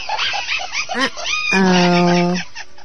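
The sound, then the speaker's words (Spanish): Several short, nasal parakeet squawks in quick succession, then one loud, drawn-out harsh call held for about a second, with no talking. “Vamos a tener que lanzar otra de pericos, de modos.”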